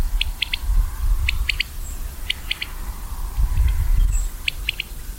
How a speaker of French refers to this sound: On commence par cet oiseau qu'on entend ici, c'est la caille des blés.